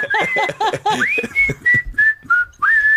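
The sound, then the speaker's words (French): A person whistles a national anthem melody, a short tune of clear sustained notes stepping between pitches, loud, with bursts of laughter mixed into the first second. “Je peux les siffler.”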